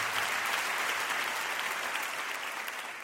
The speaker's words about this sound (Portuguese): A ele nosso aplauso.